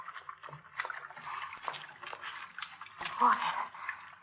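Water drips and trickles in a sewer: a steady patter of small splashes, rising to a fuller slosh near the end.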